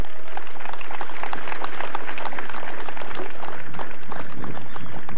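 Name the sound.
round of applause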